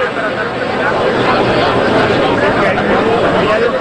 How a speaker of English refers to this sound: Instead, you're hearing the sound of people milling around. I can see pictures of people in green Mexico jerseys, checking their phones, carrying drinks,